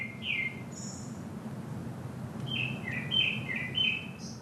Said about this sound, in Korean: 새소리에 마음을 기대봅니다.